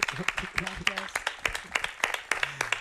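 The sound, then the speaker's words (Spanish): An audience applauds two sound artists who provided the live sound accompaniment for the programme, a steady patter of many overlapping hand claps with brief vocal murmurs and cheers mixed in, moderately loud throughout. “Un aplauso para ellas, por favor.”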